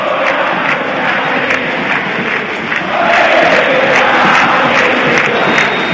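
A large football crowd at a Colón versus Estudiantes match chants and cheers steadily, shouting encouragement for Colón as they lead 1-0 at about the 45th minute, a dense roar of many voices that swells louder about halfway through and stays strong to the end.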